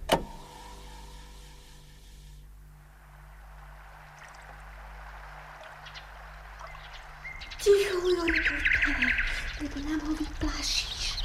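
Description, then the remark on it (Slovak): A low, steady hum lasts for several seconds, then a bird starts singing at sunset on Babkin vrch, clear, with bright chirps and whistled trills that continue to the end. “Nepočuješ, ako krásne spieva?”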